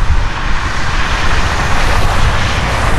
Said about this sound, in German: Ja, das ist leider nicht das Meer, sondern die Straße.